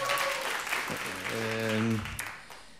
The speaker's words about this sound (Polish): Dziękujemy za te potężne oklaski. Mam nadzieję, że radiosłuchacze także przed swoimi radiami klaszczą.